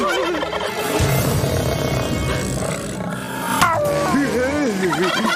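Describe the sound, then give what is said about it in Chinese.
Loud turkey gobbling runs through the whole stretch, a rapid warbling babble that wavers up and down in pitch, with a busy, noisy backdrop behind it. “我怎么觉得他刚才说的是圣诞夜的晚餐，主菜是火鸡大餐。”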